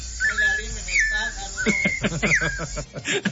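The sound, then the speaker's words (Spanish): Little birds chirping in a series of bright, high, warbling whistle-like notes that rise and fall, repeating several times with short gaps, fairly loud, with some softer murmuring underneath toward the end. “Ya está escuchando el trinar de los pajaritos, hombre.”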